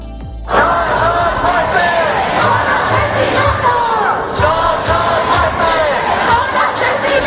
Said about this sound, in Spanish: Y así suena la Puerta del Sol después de la muerte de Mari Carmen. No son muertes, son asesinatos, cantan los manifestantes.